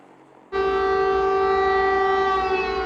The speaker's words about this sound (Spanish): Las sirenas avisaban de ataque aéreo, pero no de su magnitud. Ha sido uno de los ataques más masivos de la guerra y el mayor de los últimos meses.